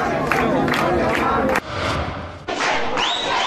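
A loud crowd shouts together in a dense, continuous roar of many voices, with two brief dips before the yelling surges back at full strength.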